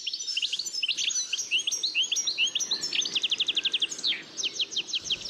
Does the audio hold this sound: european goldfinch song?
yes